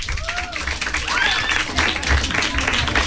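An audience breaks into sustained applause, dense and steady throughout, with a few rising whistles and scattered cheers cutting through the clapping.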